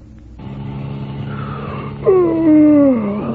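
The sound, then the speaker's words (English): A steady car engine drones throughout, then a driver's long, loud yawn from hours behind the wheel rises in and slowly slides downward in pitch for about a second before fading back under the motor. “That yawn can result from long, boring hours behind the wheel.”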